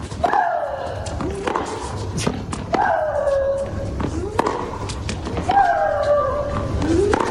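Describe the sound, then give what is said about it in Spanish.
Maria Sharapova lets out three loud, drawn-out shrieks that slide downward in pitch, exhaling with each shot, paired with sharp thwacks of the ball being struck, repeating every two to three seconds. “disfrutaba estimulándose con esos gritos de María Sharapova, y es porque acompaña el golpe la exhalación”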